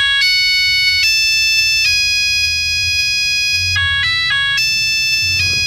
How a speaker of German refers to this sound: Achtung Leute, kleine Vorwarnung, aber den Klingelton hatte bestimmt der ein oder andere von euch.